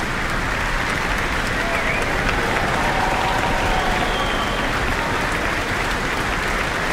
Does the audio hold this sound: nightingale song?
no